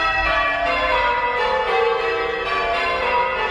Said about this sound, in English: But in Bundaberg in Queensland, bell ringers made history as a set of six bells rang out for 3 hours. It's known as a full peal,